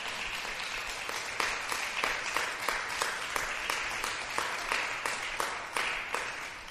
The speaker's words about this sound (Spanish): A ver, ¿cuántos trajeron sus manos? ¿Cuántos podemos dar palmas al Señor en esta?